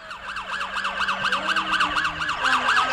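A police car siren wails in a rapid, repeating up-and-down yelp, loud, with faint traffic rumble underneath and no voices.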